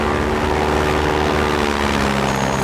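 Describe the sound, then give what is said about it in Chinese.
A propeller airplane drones steadily overhead and flies away, a continuous loud engine hum with low harmonic tones holding throughout, no voices over it. “哎，是飞机！”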